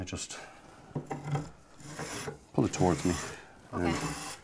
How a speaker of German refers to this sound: Jetzt spannen wir ihn hier ein und hobeln ihn ab.